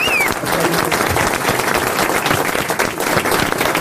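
Steady, dense applause from a studio audience, loud and close, with many hands clapping continuously and a brief whistle near the start.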